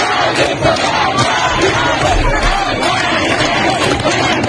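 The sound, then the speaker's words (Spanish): A large street protest crowd in Iran chants and shouts together during a historic wave of protests, a dense, loud roar of many voices with rising and falling rhythmic cries that holds steady throughout. “Así sonaban las calles de Irán en ese momento.”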